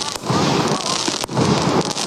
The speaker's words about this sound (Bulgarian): Сигурно зрителите ни вече чуват продължаващите салюти на вечерната заря проверка, която беше проведена тук в Козлодуй.